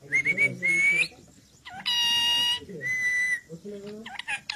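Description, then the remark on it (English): A pet parrot on its perch on a balcony in Dambagula village, Sri Lanka, demanding rice, calls loudly in several shrill, whistling bursts, one long sustained screech in the middle, with a low murmur of voices underneath. “Chuti the parrot demands rice from her perch on a balcony”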